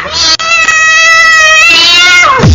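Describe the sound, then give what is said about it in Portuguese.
A single long, loud meow, drawn out for a couple of seconds at a steady high pitch before sliding downward at the end, with no talking over it. “Joga a gata nesse pessoal aí. Olha a gata! Olha a gata!”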